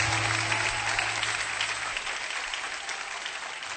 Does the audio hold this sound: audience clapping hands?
yes